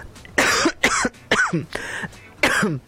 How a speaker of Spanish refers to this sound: Perdone usted, estoy con una tos.